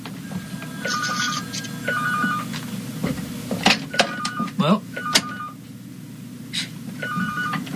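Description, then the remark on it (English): A telephone rings at radio station WBCQ during a live broadcast, with repeated electronic trilling bursts, fairly loud, over a steady low background hum with some muffled voice-like murmur. “I didn't know what phone it was.”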